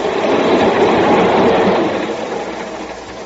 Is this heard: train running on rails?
yes